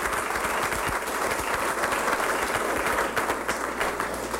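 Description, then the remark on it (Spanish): A large crowd claps steadily for several seconds, a dense, sustained wave of applause filling the room with no voices standing out. “Dele un aplauso a ese corazón de Dios que nos elige por amor, por amor, por amor.”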